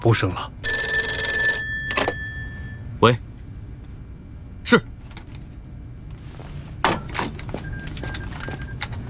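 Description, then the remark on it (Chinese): An old-fashioned telephone bell rings in one brief, bright burst, a call for the regimental commander, followed by several sharp clicks and knocks over a low rumbling background. “电话追到这儿来了”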